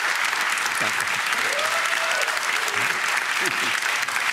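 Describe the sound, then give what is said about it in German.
A studio audience applauds steadily, a dense wash of clapping filling the whole stretch, with faint voices briefly audible underneath. “Guck mal, der Applaus spricht für sich.”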